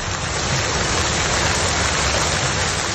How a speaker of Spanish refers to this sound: Un calor que derivó ayer por la tarde en una gran tormenta. Las clásicas de verano, cielos negros, viento, granizo y lluvias torrenciales hicieron multiplicarse los vídeos en redes sociales publicados por usuarios alarmados por el fenómeno.